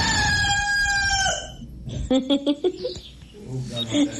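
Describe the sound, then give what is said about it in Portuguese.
A rooster crows once, a loud, drawn-out call that falls in pitch at the end. A man starts talking right after it. “esse galo é inteligente.”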